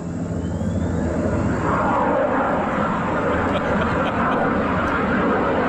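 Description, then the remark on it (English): A small private single-propeller Cessna plane drones overhead above Camp David, its engine a loud, steady, rumbling hum that holds for the whole stretch without fading. “So you hear the private plane, single prop, probably looks like a 172, flying overhead.”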